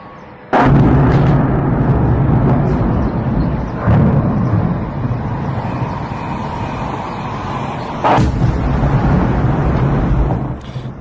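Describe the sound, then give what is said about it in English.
Ukrainian drones hit their targets and explode just outside St. Petersburg, Russia, in the morning: three sharp, booming blasts spaced a few seconds apart, each cutting through a steady, loud rumble that lingers throughout, with no voices. “sound of Ukrainian drones hitting their targets and exploding just outside St. Petersburg this morning.”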